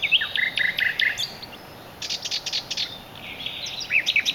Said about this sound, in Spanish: La serenata del ruiseñor al anochecer es una romántica llamada para atraer a la hembra.